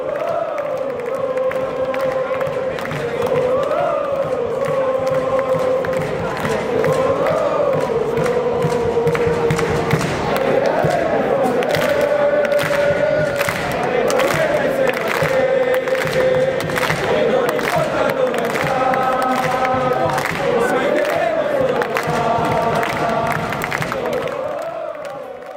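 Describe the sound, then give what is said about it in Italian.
A stadium crowd of football fans chants in unison at the Genoa stadium, a loud, sustained sing-along with rising and falling melodic phrases and rhythmic accents, filling the whole stretch without pause. “Ti faccio vedere il tifo di ieri allo stadio del Genoa.”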